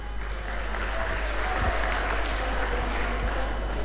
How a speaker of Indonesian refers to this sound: Terima kasih Bapak sudah hadir bersama-sama kami di ruangan ini. Kita berikan tepuk tangan dulu dong.